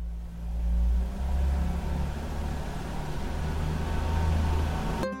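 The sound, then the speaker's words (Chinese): A car engine rumbles steadily at idle, being warmed up for 3 to 5 minutes on a cold winter morning after snowfall, its low hum swelling slightly at first and then holding an even drone for several seconds with no voices. “冬天气温较低，我得先打着火，让车在原地工作3到5分钟，这样能让汽车内部的润滑油与机械零件还有发动机更好的磨合，才不会损伤汽车。”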